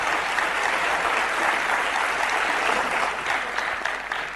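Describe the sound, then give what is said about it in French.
An audience claps steadily, a dense, sustained wash of many hands applauding at a fairly loud, even level, with no voices standing out. “Vas-y, on peut applaudir, hein?”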